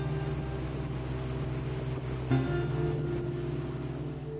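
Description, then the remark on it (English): A patrol boat's engine drones steadily with a low, humming pitch over a wash of rushing river water, continuous, with a brief bump in intensity midway, as the boat patrols a stretch of river. “So we very consistently have one of these boats in this particular stretch of river most days.”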